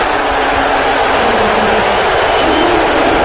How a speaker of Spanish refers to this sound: Esto es un abucheo en el Madison Square Garden.